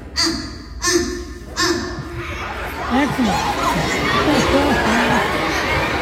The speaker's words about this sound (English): these kids go freaking nuts. Like, you want to talk about popping the crowd? I don't know if he's just beloved or if they're that impressed. The kids going nuts is the best part of it.